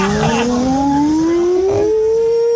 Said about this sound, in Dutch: wij waren benieuwd of onze luisteraars ook een beetje lekker luchtalarm in huis hebben